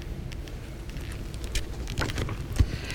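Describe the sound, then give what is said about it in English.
Heavy rain pours down in a steady, dense hiss, with scattered louder splats and drips popping out of the constant roar. No one speaks. “Tap dance, avalanche, stampede of drips and drops and drumming, a wealth of water.”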